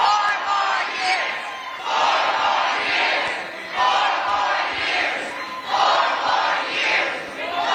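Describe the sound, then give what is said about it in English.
A large crowd at a Joe Biden campaign appearance after a debate chants "four more years" in a loud, steady rhythm, the three-beat phrase repeating again and again in unison with a roar of voices underneath. “Leading the crowd in 4 more years, and then she says this.”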